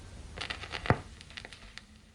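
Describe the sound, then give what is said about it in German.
Faint, irregular crackles and soft pops of a vinyl record that has reached its end, over a low steady hiss, with one sharper, louder pop partway through and no voices. “Ein Knistern, dann Stille. Die Platte war zu Ende.”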